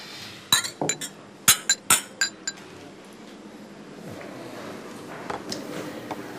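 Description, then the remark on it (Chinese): Glasses clink together in a toast, a quick flurry of about eight bright, ringing chinks over two seconds, followed by a quieter stretch of low room murmur with a few faint taps. “来，今天我提议为吴国所创造出来的业绩，干杯。”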